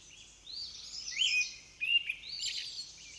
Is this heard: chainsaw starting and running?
no